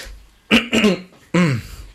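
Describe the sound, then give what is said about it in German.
Three loud coughs: two quick ones in a row, then a brief pause and a third, slightly raspier cough, with no talking around them. “Ja, oh Gott, Entschuldigung, ey, dass da heute so viele Huster drin sind.”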